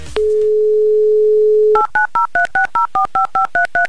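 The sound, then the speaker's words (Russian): A steady dial tone holds for under two seconds, then a quick, even series of about eleven two-pitched keypad beeps as a phone number is punched in during an on-air broadcast, a second attempt to call someone. “Давайте еще раз попробуем набрать его номер.”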